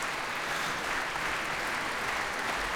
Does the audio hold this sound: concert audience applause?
yes